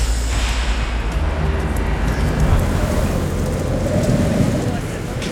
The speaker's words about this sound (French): Est-ce qu'on peut se mettre un tout petit peu à l'abri du vent, madame, si ça vous dérange pas, par là, collé à la BNP, là. Je suis désolée, mais là, c'est vrai qu'avec le vent, je vous entends à peine